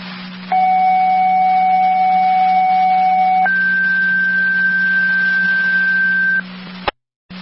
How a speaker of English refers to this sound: Fire Control, Tri Community Division. Tri Community Division. Can I get tones for EMT or driver for Unit 1 and then tones for full crew for Unit 2?